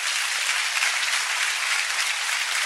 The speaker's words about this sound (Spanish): no tengo más que darle un aplauso a Domingo Faustino Sarmiento porque se lo merece